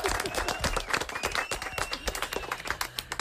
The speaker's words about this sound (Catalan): Fort aplaudiment